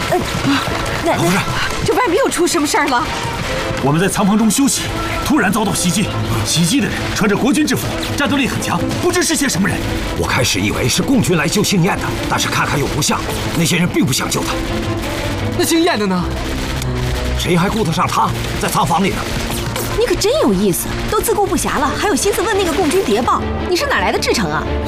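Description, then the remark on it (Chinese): Bursts of gunfire crackle repeatedly beneath agitated voices, with heavier booming blasts mixed in, the shooting loud and nearly continuous for the whole stretch; the shooting and explosions seem right at the door, aboard a ship, during an attack by gunmen in Nationalist army uniforms. “墙体和爆炸声很近，好像就在门口。”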